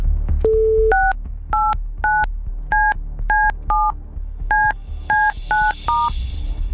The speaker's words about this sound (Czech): Doufám, že jsem vytočil správné číslo.